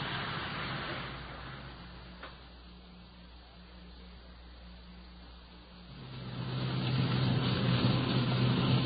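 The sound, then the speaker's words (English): The engine of a police detective unit's patrol car hums steadily, dips to a quieter idle-like drone, then swells louder as the car accelerates and rolls along with a low, rumbling roar, heading to a prowler call. “Since we're the only detective unit in the area, we're rolling in to see if any assistance is necessary.”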